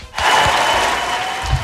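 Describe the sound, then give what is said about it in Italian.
An applause sound effect: a sudden burst of crowd applause that starts abruptly and holds at a steady, fairly loud level of dense clapping for over a second, with no voices over it. “secondo me metti un applauso.”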